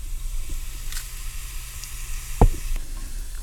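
Hot ghee warming up in a pan, with small bubbles forming at the bottom, bubbles and sizzles with a steady, soft crackling hiss, broken by one sharp pop midway through. No one speaks.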